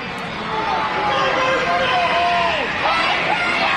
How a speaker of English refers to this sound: Crowd's getting loud. Nearly 6,800 cheering on Kelly Austin.